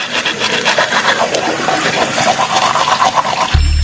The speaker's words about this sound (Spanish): Si dejas el grifo abierto mientras te cepillas o te lavas la cara, desperdicias más de 10 litros de agua.